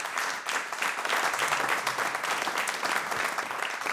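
Steady audience applause, a dense wash of many hands clapping at an even, sustained volume for the full four seconds with no voices breaking through.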